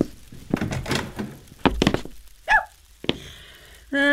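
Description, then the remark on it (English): Heavy fists pound on a boarding house door in loud, uneven bursts of thudding blows as the king's press gang demands entry, followed by a squeaky creak and a final sharp thump as the pounding stops. “Don't break my door down.”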